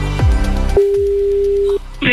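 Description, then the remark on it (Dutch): A single steady ringback tone sounds for about a second, clear and fairly loud, right after a short descending swoosh, as an outgoing phone call rings late at night. “Als ik hoop dat ze de telefoon gaat opnemen.”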